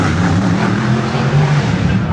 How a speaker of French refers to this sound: La foule est compacte derrière les barrières pour entendre rugir les moteurs.